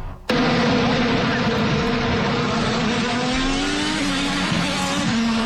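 Racing cars roar past at high speed during a new motor race held this weekend in the nation's capital, with a loud, sustained high-pitched engine whine that bursts in abruptly and stays intense, its pitch shifting slightly as they pass.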